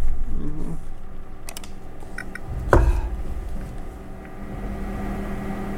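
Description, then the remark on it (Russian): A few scattered keyboard key clicks, with one louder clack midway, over a steady low rumbling hum. No one speaks. “На клавиатуре то же самое. Вот сейчас на клавиатуре.”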